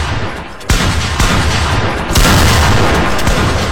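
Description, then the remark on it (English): Several sharp balloon pops from women popping their balloons in a balloon pop game burst out in quick, irregular succession, loud and crackling over a dense, noisy wash of crowd sound. “He said he got five kids and every female popped their balloon.”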